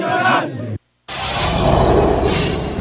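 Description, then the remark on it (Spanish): A loud crowd of football fans in Monterrey, Mexico, cheers and chants ahead of a Mexico national team World Cup match, many voices blending into a dense roar that cuts out abruptly for a moment, then surges back and holds steady. “Es parte del ambiente que se vive en la Sultana del Norte.”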